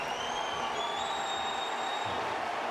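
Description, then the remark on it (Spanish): A large stadium crowd in Portland applauds steadily as Diego Valeri comes on as a Portland Timbers substitute around the 88th minute, a dense wash of clapping and cheering with faint whistles rising above it, continuous and at an even level throughout. “minuto 88, casi 89, viene el cambio de Portland y es Valeri el que va a entrar por Van Rankin y escuchen este aplauso para Diego Valeri.”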